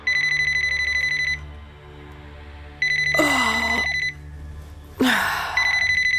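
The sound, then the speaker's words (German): A mobile phone rings loudly in the middle of the night in three electronic bursts, with a brief startled gasp and short exclamation from a person between the rings. “Mitten in der Nacht klingelte auf einmal Claudias Handy.”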